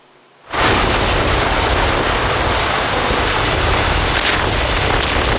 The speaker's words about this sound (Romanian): În Dâmbovița, un bărbat a fost salvat cu elicopterul din mijlocul unei viituri în ultima clipă.